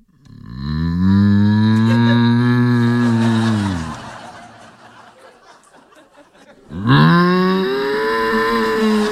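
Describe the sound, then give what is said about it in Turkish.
A teacher does a loud, drawn-out cow moo imitation lasting about three seconds, followed by a quieter pause with breathy noise, then a second strong moo begins and holds to the end. “Osman diyor ki hiç unutur muyuz hocamızın inek taklidini?”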